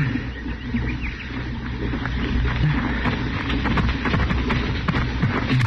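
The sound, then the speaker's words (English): Horses shuffle and move about, hooves clopping in an irregular patter over a steady low rumble of wind-like noise, moderately loud, with no one speaking. “Tie up those horses and come here.”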